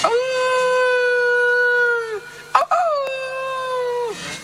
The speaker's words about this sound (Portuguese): Os lobos fomentos, ganas de comer carne humana, estaban os lobos ouveando.